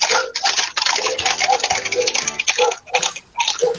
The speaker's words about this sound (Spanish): Ya, eso es lo que escuchan y también ven los amigos de Puerta Sur todas las noches prácticamente, nos dicen. Y es el paso de caballares que andan sueltos, ¿eh? De día, de noche.